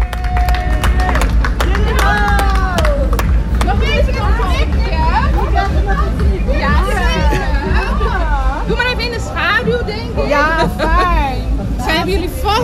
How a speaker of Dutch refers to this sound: Ja, iedereen begint te klappen over je. Oh, kijk eens, ja. Applaus.